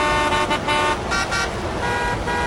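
Loud, busy street traffic with cars rushing by and horns honking almost continuously, a dense blare of overlapping toots with a few louder bursts, and no voices.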